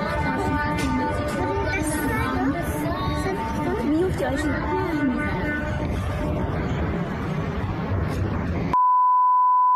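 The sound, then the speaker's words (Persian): Many drivers' car horns blare together in protest at a petrol station in Fardis, Alborz province, Iran, in a long, continuous, overlapping chorus of loud honks at different pitches, with crowd chatter beneath, cutting off to a steady electronic tone at the end. “ویدیوی دیگری که به ایران اینترنشنال رسیده، بوق زدن اعتراضی شماری از رانندگان در یک پمپ بنزین در فردیس در استان البرز رو نشون میده.”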